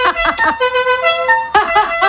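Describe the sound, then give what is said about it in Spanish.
A loud, brassy musical car horn blares the La Cucaracha tune, a quick melody of short repeated notes, pausing briefly before another burst of rapid toots, with no voices. “En aquella época también había gente que le cambiaba el claxon y ponía el sonido de la cucaracha.”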